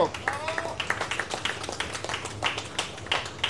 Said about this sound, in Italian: un grande applauso.